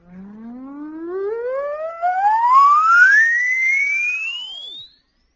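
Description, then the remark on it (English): An oscillator test tone, played as a hearing test, sweeps smoothly and steadily upward from a low hum to a high, thin whine over about five seconds, buzzy with overtones, then abruptly cuts off. No one speaks. “I'll play an oscillator for you.”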